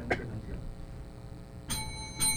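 Three bright bell chimes from a countdown clock timing candidates' self-introductions ring out, one early and two close together near the end, each leaving a short metallic shimmer over a low murmur. It rings once ten seconds before the first minute, twice before the second minute, and three times when time is up.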